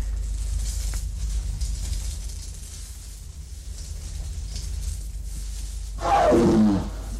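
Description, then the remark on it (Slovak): A jaguar lets out one short, loud, snarling roar that slides downward in pitch, coming abruptly after several seconds of low, steady rumbling background noise. “Vrhol sa na Jaguára s nožom!”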